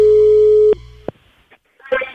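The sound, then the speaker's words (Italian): A loud, steady telephone busy tone after the phone line drops hums for under a second, then cuts off with a couple of sharp clicks, followed by a brief stretch of quiet and a short burst of voice at the end. “Eccomi, è caduta la linea.”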